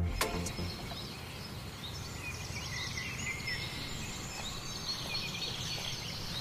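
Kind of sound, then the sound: bird, birds singing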